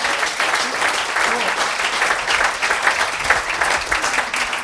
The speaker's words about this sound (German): Einen Applaus